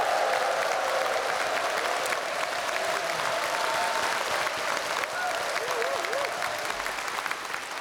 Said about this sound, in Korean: 예, 그리고 오늘 여기 안산시 시립 예, 국악단 여러분들의 70회 정기 연주회죠. 예, 정말 여러분 큰 박수 한번 환영의 박수 한번 부탁드리겠습니다.